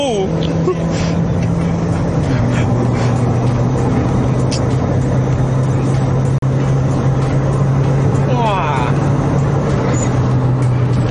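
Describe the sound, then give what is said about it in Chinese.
A steady, loud engine drone and road roar from inside a car being driven at speed, holding a low hum that shifts pitch slightly as it drives on, with people's voices talking over it. “这个车很 stable， 很 stable， 你不会乱劈来劈去，全部在你的手。”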